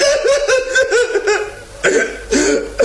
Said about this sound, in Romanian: Hai, sfârșește odată cu plânsul și vorbește, om!